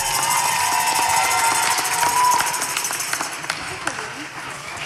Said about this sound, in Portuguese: Uma salva de palmas para os nossos instrutores!